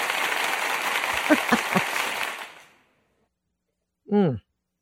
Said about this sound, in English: I think I'm going to give myself some intense applause.